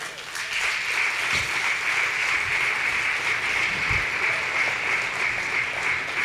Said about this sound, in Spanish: Yo sé que no todos aplauden